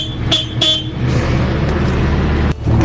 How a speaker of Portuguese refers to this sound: A buzina aqui é fraca, mas a máquina é grande. Olha lá, aí a buzina é fraca, mas a máquina é grande. Aí, ó.